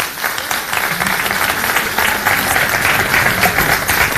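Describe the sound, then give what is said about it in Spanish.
A crowd applauds the Proempleo employment program during a speech, clapping steadily for about four seconds, a dense, even wash of many hands at a fairly loud level with no talking over it. “¿Aplaudimos? Sí, aplaudimos.”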